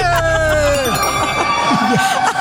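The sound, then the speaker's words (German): Several girls, back from the shop, scream loudly together in a radio studio, overlapping shrill voices rising and sliding in pitch, a steady wall of excited shrieking that fills the whole short stretch without letting up. “Die haben, falls du gerade was im Radio gehört hast, laut schreien, das waren die Mädels.”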